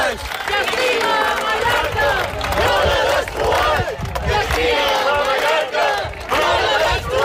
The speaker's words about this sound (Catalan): Són els crits de les 10.000 persones que han participat en la cadena humana que diverses organitzacions ecologistes de Mallorca han fet aquest matí com a rebuig a l'especulació immobiliària que està degradant espais naturals com Estrenc.